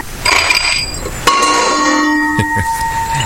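Two bright clinks of glass, each leaving a clear bell-like ring that lingers before fading, with faint handling noises near the end as a glass of S99, a cold drink against the hot weather, is prepared.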